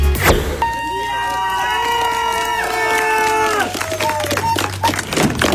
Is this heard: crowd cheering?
yes